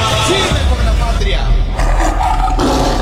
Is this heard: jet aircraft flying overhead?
no